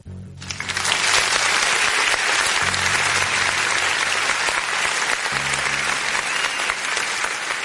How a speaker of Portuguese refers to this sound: Ô produção, aperta o danado esse botão aí e bota mais aplauso aí pra nossa polícia que pôs a mão nessas drogas, nesses vagabundos aí.